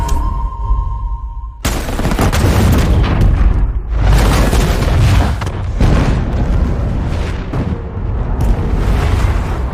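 sound effect, explosion

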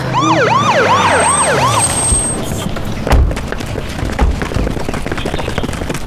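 vehicle, ambulance siren

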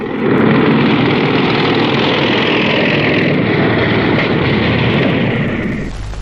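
vehicle, motorcycle engine approaching

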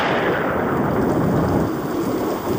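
nature, thunder rumbling

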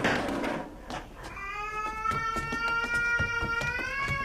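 animal, cat meowing

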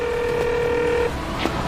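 signal or alarm, phone dialing tones

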